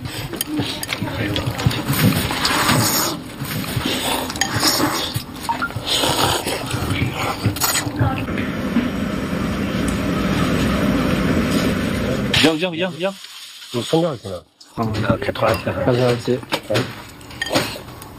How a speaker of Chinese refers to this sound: 开拖拉机。